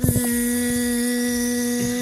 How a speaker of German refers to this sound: So klingt's da im Imkerzentrum.